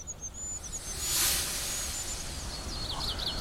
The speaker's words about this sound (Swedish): Men det gör då att kungsfågelns lilla pipande försvinner lite grann. Det är så högfrekvent så att man får skärpa till hörseln för att uppfatta det.